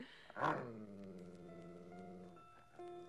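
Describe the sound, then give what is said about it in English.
A big dog lets out a sharp, loud bark-like snarl that settles into a sustained low, rumbling growl, continuing for a few seconds with no talking. “Oh, I don't even mind your growl anymore.”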